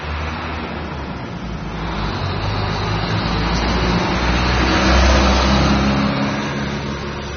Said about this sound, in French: Beaucoup plus de circulation. À l'époque, on pouvait circuler n'importe quand avec sa voiture, si on avait la chance d'en avoir. Maintenant, il y a carrément des embouteillages à Belém.